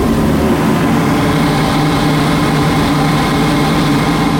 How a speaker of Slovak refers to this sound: Sme v takej úzkej chodbe za hlavnou miestnosťou planetária a vidíme ten systém, ktorý odvádza vzduch priamo nad nami, ktorý je za plátnom. Takže jednoduchá vec s ventilátorom, s vývevou a trošku hluku, ale návštevník nič nepočuje.